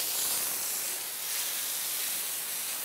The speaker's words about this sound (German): Im Polarium nimmt die Arbeit heute kein Ende. Ich spritze jetzt bei den Pinguinen raus, dazwischen, weil die ja doch sehr viel Dreck machen.